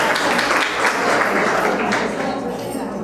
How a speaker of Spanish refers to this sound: Dije, mire, los aplauden. Dejen la mano arriba, que los están aplaudiendo, hombre. Mire, ahí están los varones.